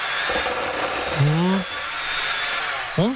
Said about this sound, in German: So, kurz in den Mixer.